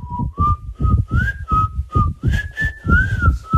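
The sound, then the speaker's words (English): A breathy, airy whistle carries a simple, bouncy jingle melody, its notes stepping up and down over a steady rhythm, with plenty of wind-like breath noise underneath and no talking. “She's resorted to sending us a very windy, whistling rendition of the jingle.”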